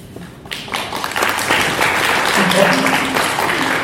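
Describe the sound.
After a brief quiet moment, an audience breaks into applause that builds into steady, dense clapping and holds at a fairly loud level, with a few faint voices mixed in.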